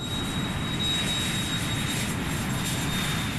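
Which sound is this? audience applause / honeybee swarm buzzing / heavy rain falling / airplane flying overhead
airplane flying overhead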